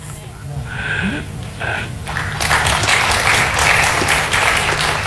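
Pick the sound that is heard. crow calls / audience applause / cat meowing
audience applause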